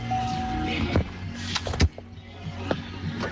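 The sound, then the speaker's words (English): A person climbs in and out of their car, picked up by a phone accidentally recording in a pocket: a short motorised whine, then several thumps and clunks of doors and seats over a low steady hum, with no talking. “I can hear us in the background, but that's you getting in and out of your car, and you have been recording an audio message for the last 4 or 5 minutes.”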